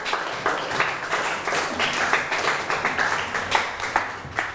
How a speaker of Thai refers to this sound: วัดปฐมเจดีย์ถูกไหมครับถูกต้องปรบมือให้เพื่อนหน่อยครับ